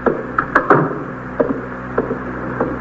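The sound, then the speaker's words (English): A door swings shut with two sharp, loud clacks close together, followed by a few softer knocks and rattles spaced out over the next couple of seconds. No one speaks. “Close the door”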